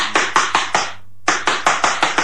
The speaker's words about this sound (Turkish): Yoksa kapıyı vurayım bakayım.